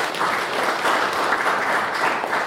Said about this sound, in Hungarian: Úgyhogy tapsoljuk meg azokat, akik fáradoztak ezen, meg önmagunkat is, hogy megvalósítottuk.